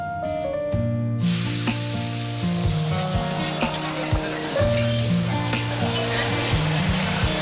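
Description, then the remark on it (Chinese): Loud, steady sizzling of food stir-frying in a wok starts after a brief pause, with occasional sharp clanks of a spatula against metal and a faint tonal hum underneath, as a cook hurries to finish customers' dishes. “我们的菜好了没？ 好好好，马上出锅，马上出锅啊！”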